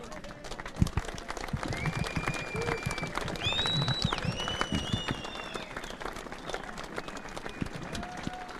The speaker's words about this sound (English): Final round of applause then, and a huge crowd assembled in pit lane now to welcome John McGuinness back.